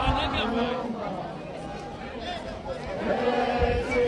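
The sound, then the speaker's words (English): A marching crowd of hundreds, gathered from Thokoza Park, sings and chants together while filling the streets, a dense, steady wash of many voices with rhythmic swells that stays loud throughout. “The march was off to a slow start with small groups trickling into the Thokoza Park earlier, but the crowd has been swelling with a sea of hundreds now filling the streets while singing and chanting.”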